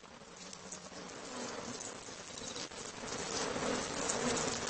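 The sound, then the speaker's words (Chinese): Dense, steady buzzing of many wasps swarming around their nest, a continuous droning hum that swells slightly louder toward the end, with no voices present. “黄蜂巢，动物建筑界杰作。”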